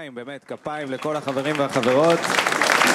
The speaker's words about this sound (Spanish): Vamos a darles un fuerte aplauso a todos los amigos de los diferentes departamentos que trabajan aquí.